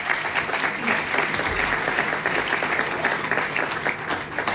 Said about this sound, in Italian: Questi 100 anni, diciamo, e il volume celebrativo verranno, diciamo, in qualche modo esposti in un dialogo a due tra Bruno Vespa, che chiamo sul palco, se mi fate un applauso per favore.